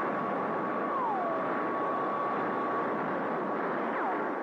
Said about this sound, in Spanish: Los aviones supersónicos trataron de alejarse del punto de ataque del platillo volador, pero los tripulantes de aquella extraña nave hicieron funcionar sus terroríficas armas.